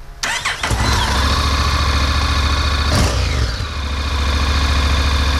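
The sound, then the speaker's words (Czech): A motorcycle engine cranks and catches, then settles into a loud, steady idle, with one brief rev partway through. No one speaks. “No, na motorku už si nesednu, to jako dřív jsme teda spolu jezdívali hodně, ale teď už se bojím, no, na tu motorku sednout.”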